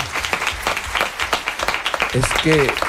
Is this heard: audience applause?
yes